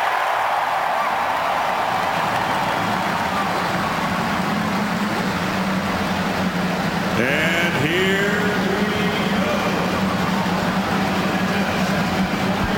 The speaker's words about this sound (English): The field of 33. The cars roar to life as we get ready for the 106th running of the Indianapolis 500-mile race.